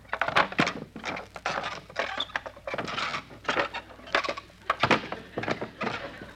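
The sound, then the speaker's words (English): Wooden deck chairs being unfolded on a boat: a busy run of creaks, knocks and sharp clacks in irregular bursts, with a couple of louder snaps near the end and no voices. “Let's unfold them and sit down.”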